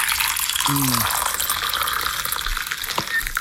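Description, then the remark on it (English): Coffee poured into a cup: a steady hiss of liquid streaming and splashing throughout, with a brief low voice-like murmur near the start. “Now, was that a clip of someone pouring a coffee or someone not peeing into a toilet? That's a coffee.”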